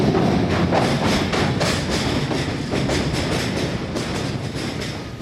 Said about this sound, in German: Wir verlangsamen den Zug an solchen besonders eindrucksvollen Stellen.